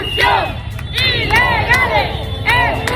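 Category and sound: crowd, crowd shouting slogans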